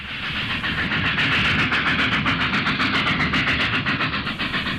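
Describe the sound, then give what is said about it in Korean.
A passenger train from Beiping bound for Shenyang runs steadily eastward across a vast open plain on a clear 1930s morning, with a dense continuous rumble and a regular rhythmic clickety-clack of wheels on rail joints, loud, with no voices. “1930년대 맑은 아침, 북평발 심양행열차가 광활한 벌판을 주름 잡으며 동쪽으로 줄기차게 달리고 있다.”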